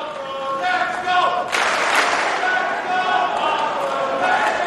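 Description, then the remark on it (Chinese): A crowd chants the player Feri's name in unison and cheers him on, a steady loud roar of many voices that swells into a louder burst of cheering partway through and stays strong to the end. “现场在喊着费里的名字，观众呢在给他加油鼓劲儿。”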